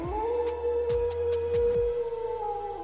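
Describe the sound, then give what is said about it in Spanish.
A wolf howls in one long, steady, wavering note lasting nearly three seconds, loud, over a few deep thumping beats and faint background music, in an advertisement for a university in Puebla, Mexico. “Respaldados por 4 siglos de historia, más de 130 mil estudiantes construyen hoy el mañana de Puebla y el rumbo de México, donde cada lobo escribe su propia historia.”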